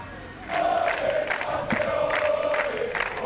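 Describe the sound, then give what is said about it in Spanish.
A large crowd of fans shouts "campeones" together in a sustained, rhythmic chant as they receive the football players at the Zarzuela, voices rising and falling in repeated bursts over a constant roar, loud throughout after a brief quiet start. “Al grito de campeones han recibido a los jugadores en la zarzuela.”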